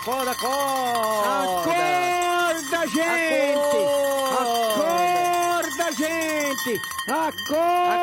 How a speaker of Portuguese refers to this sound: Vamos tocar o sino, pai. Vamos acordar esse povo, pastor. Vamos acordar esse povo.